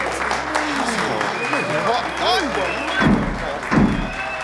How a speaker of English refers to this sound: What's that noise? Someone is pounding on the door, sir.